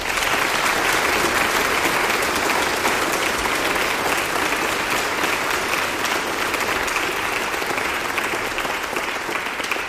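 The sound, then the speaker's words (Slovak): Sustained applause from a large audience, steady and dense clapping that fills the whole stretch at a fairly loud, even level without pause, welcoming the director of Slovak Radio, Peter Janka, at an event marking the centenary of radio broadcasting in Slovakia. “To prvé je storočnica rozhlasového vysielania na Slovensku, takže našej inštitúcii, verím takisto, doprajete veľký potlesk a privítame ním aj riaditeľa Slovenského rozhlasu, pána Petra Janku.”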